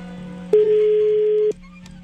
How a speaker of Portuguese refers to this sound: A gente vai receber uma visita ilustre aqui. Se ele atender o telefone, obviamente.